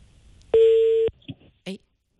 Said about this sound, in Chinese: 好，我们再试一下这个电话啊。 看能不能接通。